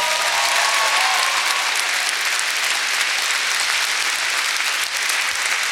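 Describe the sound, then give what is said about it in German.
Steady audience applause for a violinist being introduced during a show, a dense wash of many hands clapping at an even loudness throughout, with no voices rising above it. “Applaus für Natalia.”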